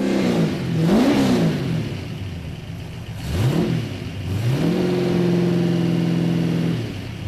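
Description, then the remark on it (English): A race car engine starts up and revs repeatedly, pitch climbing and dropping in sharp bursts before holding a steady high whine, loud with no talking. “Well, that is the car firing up there.”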